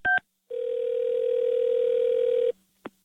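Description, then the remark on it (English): A telephone rings with one long, steady electronic tone lasting about two seconds, preceded by a brief beep and followed by a soft click. Fairly loud, with no talking. “Don't answer the phone. It's another Kaylin Carmen prank call.”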